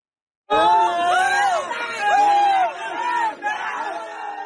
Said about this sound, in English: In central Laos, cheers from rescuers after they found five people stuck in a narrow cave alive. The villagers were searching for gold when a landslide trapped them last week.